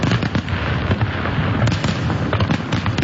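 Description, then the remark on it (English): A loud, continuous barrage of booming, colorful fireworks over water, with overlapping deep thumps and sharp crackling bursts packed together in rapid succession in a grand finale. “The grand finale. Really loud, really booming, and really colorful.”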